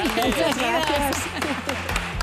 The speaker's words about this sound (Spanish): Pues un aplauso